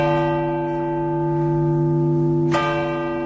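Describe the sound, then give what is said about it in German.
A telephone rings into a live radio broadcast of the SWR3 and MDR Jump Pop evening show with a steady, sustained electronic tone that fills the whole moment, loud, with a brief sharper accent near the end and no one speaking. “Da klingelt doch tatsächlich das Telefon in die Live-Sendung hinein.”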